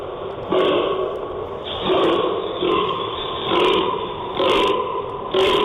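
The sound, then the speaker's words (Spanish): A fallow deer buck groans repeatedly during the rut, about six deep, belching grunts in a steady rhythm, loud, with no other voices. “Es la ronca del gamo.”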